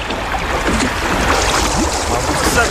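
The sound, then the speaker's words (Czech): A boat carrying passengers pushes through choppy water and takes on water, with steady splashing and sloshing washing over a low rumble, fairly loud throughout. “Pravice s cestujícími vyrazila na obtížnou cestu.”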